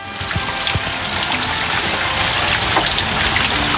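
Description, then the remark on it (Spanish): Heavy rain in the Los Ríos region of southern Chile pours down in a steady, dense hiss, with scattered sharper drops spattering across the surface throughout. No voices, just the continuous loud wash of falling water. “Escuchemos, hay un audio cortito, dura un par de segundos, de las precipitaciones.”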